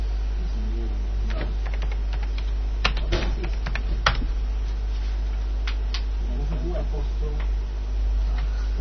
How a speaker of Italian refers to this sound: Ha digitato boot NFS.